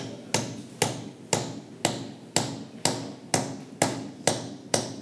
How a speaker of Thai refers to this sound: หยิบเอาตะปูไป1ตัวนะครับพร้อมกับค้อนเลยครับเดี๋ยวเราจะทําการตอกนะครับลงไปที่เก้าอี้เพื่อทําการซ่อมแซมขาเก้าอี้นะครับ